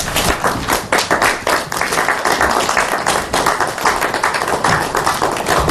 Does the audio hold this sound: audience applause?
yes